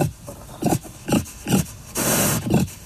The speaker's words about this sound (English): Enter the next suspect in the fox's demise. The feral pig.